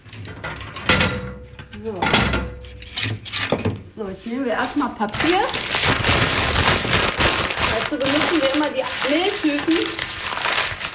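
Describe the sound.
Close, continuous crackling of paper being crumpled and cardboard torn, growing busier and louder after a few seconds, with voices talking faintly underneath.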